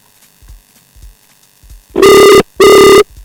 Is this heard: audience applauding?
no